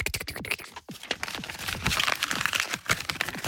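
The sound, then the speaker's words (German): Paper being folded into a paper plane: dense crinkling, rustling and sharp creasing sounds, continuous with quick scratchy bursts and no talking. “Und wir geben euch jetzt kurz Zeit, den perfekten Papierflieger zu bauen.”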